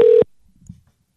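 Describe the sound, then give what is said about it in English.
A single short, loud electronic telephone ringing tone on an outgoing call, a steady hum cut off after a fraction of a second, followed by near silence with a faint low rustle. “All right, let's see if this works. It's ringing.”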